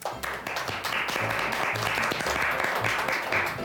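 A burst of applause from a small group at a children's riddle contest fills the whole stretch, dense overlapping claps at a steady loud level with some voices faintly mixed in underneath.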